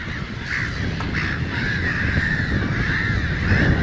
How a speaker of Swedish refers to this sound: Och därför bildar skrattmåsen sådana här kolonier med 1000, 2000, 3000 fåglar.